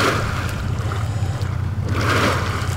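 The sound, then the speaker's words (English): Colorado River water gushes and churns steadily as it pours out of a pipe into big holding ponds owned by the utility EPCOR in Anthem, a constant rushing wash over a deep low rumble, loud with no voices. “About 9 miles from the canal, in the master planned community of Anthem, Colorado River water is coming out of a pipe, bubbling into big holding ponds.”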